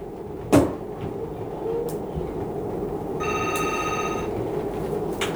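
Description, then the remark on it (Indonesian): A telephone rings for an incoming call on a phone-in request line from about the middle onward, a steady electronic trill with stacked tones, heard over a constant low rumble after a sharp knock near the start. No one speaks. “Kita terima lagi di 3516556 ya untuk enak bergabung. Boleh ke line telepon kita.”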